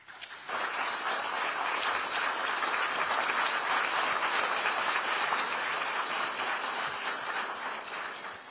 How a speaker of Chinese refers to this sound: 感谢习近平主席，下面让我们以热烈的掌声有请俄罗斯联邦总统普京阁下致辞。